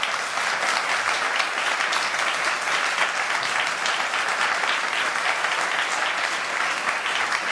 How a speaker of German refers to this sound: Hier im Radio 3 Kultursalon haben wir die Buchpremiere gefeiert, live auf Radio 3. Florian Iljes, vielen Dank für das Gespräch an dieser Stelle. Erst einmal ein Applaus, liebes Publikum.